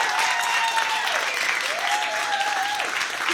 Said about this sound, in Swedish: en stor applåd igen till dem.